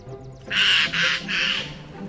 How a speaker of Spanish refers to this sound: Un arrendajo.